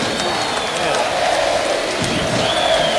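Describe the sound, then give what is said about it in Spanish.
A large stadium crowd applauds steadily in place of a minute of silence for the recent death of former player Jorge Poblete, in a dense, continuous wash of clapping, with scattered voices and faint whistles rising above it, sustained and loud throughout. “Fue un minuto de silencio cambiado por aplausos justamente por el fallecimiento reciente de Jorge Poblete.”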